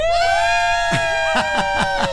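A group of five people shouts a rhythmic chant of about five loud, punchy bursts in unison, energetic, over a steady sustained musical tone.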